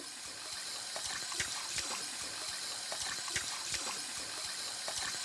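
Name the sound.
water running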